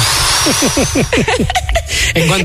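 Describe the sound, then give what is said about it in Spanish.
A voice mimics a whirring electric drill with a quick run of repeated falling, buzzy bursts, fairly loud, followed by a brief pause and a little more vocal noise. “En cuanto oía el marido, pareja, tal, el ruido del taladro.”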